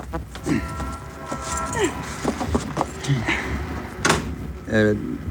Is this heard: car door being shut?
yes